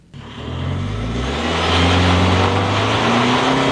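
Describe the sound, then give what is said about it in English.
A side-by-side UTV engine kicks on abruptly and roars louder, revving with a rising pitch, while a broad gritty hiss of gravel spraying from beneath the tires fills the background, in Center Creek Canyon in Daniel, Utah. No one speaks. “The engine of our side-by-side roars to life, gravel spraying from beneath the tires.”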